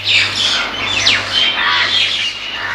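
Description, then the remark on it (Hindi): Harsh, raspy crow caws repeat in a forest over a busy backdrop of other bird calls, steady, with a faint low hum underneath and no talking. “उस जंगल में एक ऊंचा पेड़ था। उस पेड़ पर एक कौवा रहता था।”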